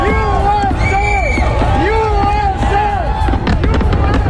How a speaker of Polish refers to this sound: Fajerwerki w Mount Rushmore w Dakocie Południowej, gdzie w skałach wykute są głowy czterech prezydentów USA, którzy odegrali kluczową rolę w rozwoju kraju.